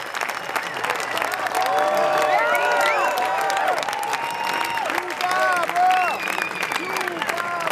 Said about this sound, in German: Der Applaus am Ende dauert minutenlang an.